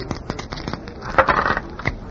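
A pair of dice thrown for an 8 rattle and tumble across a hard surface, a quick cluster of small clicks building into a brief rolling clatter before a final knock, moderately loud with no talking, landing 5-3.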